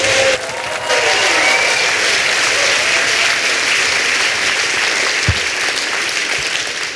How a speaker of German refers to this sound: Alles, was er braucht, ist nochmal so einen finalwürdigen tosenden Applaus.